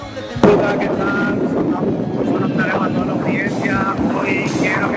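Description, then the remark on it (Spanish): Loud, steady helicopter roar with wind buffeting fills a voice message recorded from a helicopter, nearly burying a man's voice speaking underneath so that nothing can be understood; a sharp thump sounds near the start. “No se entiende absolutamente nada. Está desde el helicóptero.”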